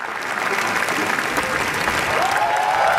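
Dense, sustained applause from a large crowd at Cannes after the screening of Renate Reinsve's newest film, Fjord, lasting ten minutes; steady and loud throughout, with a few rising whoops of cheering breaking through near the end.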